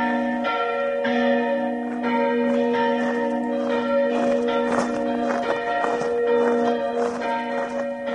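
Several large church bells, Urban and Ján, peal festively together at their first festive ringing in Bardejov, their overlapping strikes ringing out loud over a steady resonant hum, with no voices.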